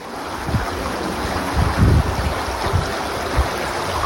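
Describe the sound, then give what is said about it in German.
The Vicht, a small river through the town of Stolberg near Aachen, Germany, flows steadily with an even, rushing, continuous wash of water, broken now and then by low gusty thumps of wind against the microphone. “60.000 Einwohner und durch das kleine Städtchen fließt eigentlich ganz gemütlich die Ficht.”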